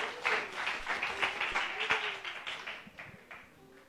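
Steady applause from a crowd for a singer taking the stage, many hands clapping in a dense, continuous patter with a few sharper individual claps, fairly loud and fading slightly toward the end.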